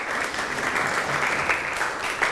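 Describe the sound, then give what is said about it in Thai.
A group of students applauds themselves steadily for a couple of seconds after a read-aloud practice, a dense, even patter of many hands clapping at once with no voices over it. “อ่านคล่องเก่งมากปรบมือให้ตัวเองอีกครั้งหนึ่งครับ”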